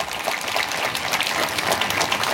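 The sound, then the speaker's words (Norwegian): Steady audience applause from the crowd at Olavsfest, outside Nidarosdomen, a dense wash of many hands clapping at an even level throughout, with no voices standing out. “og gjestene våre står I kø foran det her publikummet som dere hørte litt applaus fra.”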